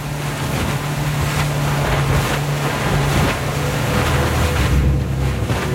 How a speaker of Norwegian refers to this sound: Båten med Håvard Gåsbakk bak rattet gjør endelig god fart.